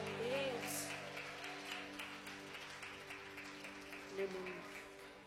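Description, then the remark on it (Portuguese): An audience at a church service applauds to welcome the worship band, with steady, dense clapping lasting several seconds while voices and sustained tones hum faintly underneath. “Vamos receber o grupo de louvor com palmas e glória para Jesus.”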